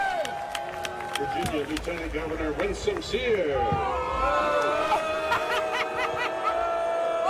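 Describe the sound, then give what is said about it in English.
A football stadium crowd at a Norfolk State football game cheers steadily as United States Representative Bobby Scott is introduced, a dense wash of many voices with shouts and whoops rising above it and a little scattered clapping. “Listen to the cheers.”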